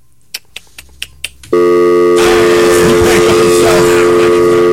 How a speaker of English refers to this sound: The dial tone is loud as hell. The dial tone is loud as hell.